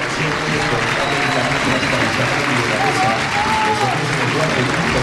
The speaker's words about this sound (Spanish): Cambia el doble pivote al completo porque el otro que se va es Aitor Sanz. Para que entre Juanjo Sánchez. Recibe Aitor esta ovación.